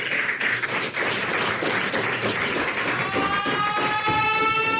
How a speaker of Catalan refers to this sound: Doncs un fort aplaudiment per Vesna Bulovic. Que entra al búnquer.